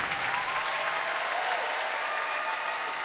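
A large audience applauds steadily, a dense wash of many hands clapping at once that holds at an even, fairly loud level throughout, heard from within the hall.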